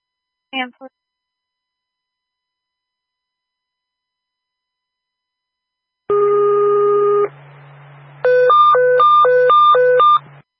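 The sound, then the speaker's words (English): Fire dispatch paging tones for a fire alarm call over a radio: a steady electronic tone for about a second, then a loud alternating two-pitch tone cycling rapidly several times, with a faint low hum underneath and a brief blip at the start. “Cancel last traffic, cancel previous tones for fire alarm.”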